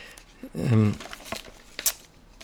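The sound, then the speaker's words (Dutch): Pages of a German magazine are flipped while looking for page 16, giving a few quick, crisp paper rustles spaced about half a second apart, after a brief murmured voice. “Ik heb een Duits tijdschrift meegebracht waar iets in staat, ook over Raspberry Pi zou, als ik het goed begrijp, stond het in dit, Speicherpreise, pagina 16.”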